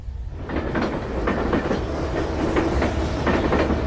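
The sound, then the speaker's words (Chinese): A train bound for Xinyang, Henan, carrying Qian Sanqiang, rolls steadily along the tracks, a loud continuous rumble broken by a regular clickety-clack of wheels passing rail joints, with no voices. “在原子弹成功爆炸后的第三天，前三强坐上了开往河南信阳的列车”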